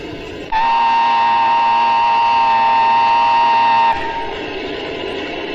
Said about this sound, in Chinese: 参谋长，火车来了， 看清楚了吗？ 看清了。